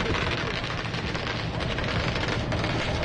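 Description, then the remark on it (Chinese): A loud, unbroken din of crackling firecrackers mixed with drums, gongs, shouting voices and splashing water at a water-splashing festival held on the sea, with people using buckets, water guns and flags, dense, with no pauses for the whole stretch. “然后在现场的时候呢，我其实现在是听不到自己说话的，因为我们会有鞭炮声，还有锣鼓声，还有呐喊声，还有泼水的声音。”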